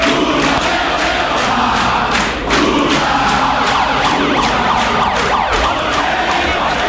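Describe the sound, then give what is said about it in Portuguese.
A dense, loud crowd of Workers' Party (PT) supporters shouts and chants nonstop as President Lula takes the stage with a megaphone at 8:20 p.m. after the first-round vote count. Rhythmic bursts recur about twice a second, and shrill, siren-like tones cut through the roar. “Lula subiu ao palco às 8h20 da noite, com um megafone na mão e sob grito de petistas.”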